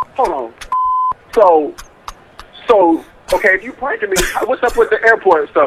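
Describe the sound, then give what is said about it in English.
Airport background ambience: a single steady electronic announcement chime sounds briefly amid chatter, with several voices talking around it. “So, okay, if you pranked me, what's up with the airport stuff in the back then? Y'all at the airport?”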